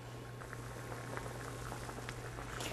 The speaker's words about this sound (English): We're going to start with the spinach. Put all of the spinach in. And we're going to blanch it for about 15 to 20 seconds.